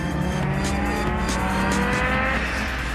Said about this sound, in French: Par contre, quand ça part. Hein. Quand le turbo il se met en route, on peut vous dire que les 470 chevaux, ils sont bien là. Franchement, l'auto, elle a 30 ans.